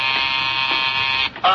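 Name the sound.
doorbell buzzer ringing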